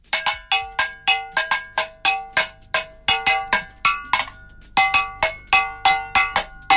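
A bell is struck over and over in a quick, steady rhythm, each loud metallic clang ringing briefly before the next, with no voices present.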